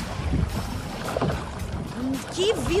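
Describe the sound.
Canoe paddling on open sea, with steady rushing water and wind buffeting, a few soft splashing strokes, and brief muffled voices rising near the end.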